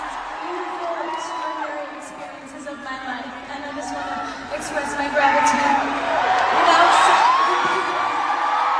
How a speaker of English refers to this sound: Can't really hear her there because everyone was cheering so much for her, but she did cry.